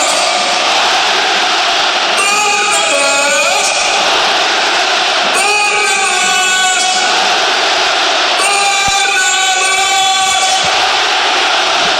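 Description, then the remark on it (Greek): A large stadium crowd in Philadelphia chants the name of goal scorer Barnabás Varga after a headed goal that would make it 4-0, in loud, repeated rhythmic bursts, roughly every three seconds, over a constant roar of background crowd noise. “Και ακούω και πάλι το όνομά του, ο Μπαρνάμπας Βάργα.”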